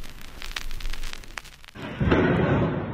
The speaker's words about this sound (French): Des éclairs de feu dans la nuit, des explosions. Ce sont ces bruits sourds d'un autre temps qui ont réveillé les Ukrainiens. une pluie de frappes ciblées.